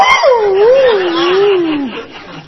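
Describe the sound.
A voice imitates a dog whimpering: one long, wavering, high whine that slides gradually downward over about two seconds, fairly loud, with no talking around it.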